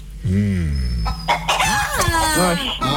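A chicken clucks and squawks loudly, a quick run of rising and falling calls packed into a few seconds.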